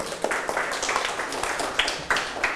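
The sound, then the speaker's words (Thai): A group of students in a class clapping hands for another group that answered correctly, a steady patter of many overlapping claps lasting a few seconds at moderate loudness, with no voices on top. “ใครถูกยกมือกลุ่มหนึ่งปรบมือให้กลุ่มหนึ่งครับ”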